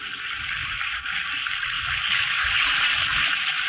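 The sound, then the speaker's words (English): An Alka-Seltzer tablet or two fizzes in a glass of water, a steady hiss of countless tiny popping bubbles that holds evenly for several seconds with no voices. “First, I take a glass of water, and into it, I drop an Alka-Seltzer tablet or two like this. Listen to it fizz.”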